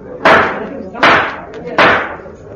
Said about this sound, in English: All very efficient. They've even got a gavel.